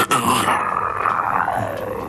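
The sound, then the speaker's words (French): A person imitates a tiger's growl: one loud, rough, continuous snarl held for about two seconds, with no other talking. “Et puis il est fatigué, il arrête de jouer, et un des tigres, il fait...”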